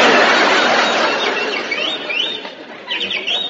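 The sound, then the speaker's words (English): A canary named Yasha chirps in quick, repeated rising tweets over a steady hissing background that fades slightly before the chirps pick up again near the end. “That bird again. Shut up, you molting pest.”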